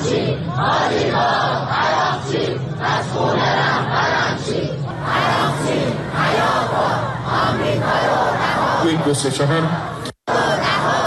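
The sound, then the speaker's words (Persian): A large crowd protesting in the street in front of the Iranian Foreign Ministry against the government's negotiations shouts and chants together in loud, rhythmic bursts, many voices overlapping in a sustained roar with rising yells, then cutting off abruptly near the end. “در حالی که پیش از سفر هیئت مذاکره کننده اعتراض به این مذاکرات به خیابان‌ها کشیده شده بود، با پایان گفتگوها مخالفان دولت حملات خود را تشدید کردند.”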